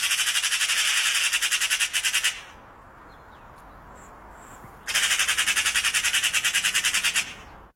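A loud bird call, one of the birds heard in a garden in Jamaica, made of rapid, buzzy chattering pulses, heard in two sustained bursts of about two seconds each, separated by a short quiet pause, with no voices.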